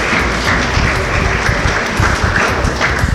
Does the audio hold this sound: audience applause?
yes